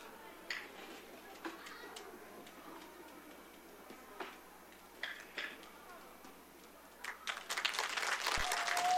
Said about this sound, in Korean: 네, 우리 속초 아리랑 보존회에서 보여준 공연이었습니다. 큰 박수 다시 한번 부탁드리겠습니다.